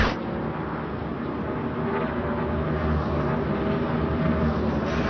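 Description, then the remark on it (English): A steady, dense roar of stock car engines during NASCAR Cup Series practice at Dover Motor Speedway, a continuous rumbling wall of motor noise from several cars, with no speech. “NASCAR Cup Series practice continues here at Dover Motor Speedway.”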